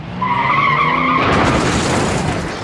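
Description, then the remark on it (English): A skidding car gives a loud tire screech lasting about a second, then breaks into a harsh, noisy crash into a bus stop and rumbling wreckage that fills the rest of the moment. No one speaks. “He runs to the car, crashed into a bus stop.”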